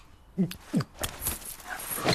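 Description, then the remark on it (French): A dog, Nelson, whimpers, giving two or three short, high whining yelps in quick succession against faint rustling in the background. “Oh là, abruti de chien.”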